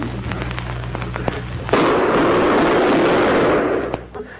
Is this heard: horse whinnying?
no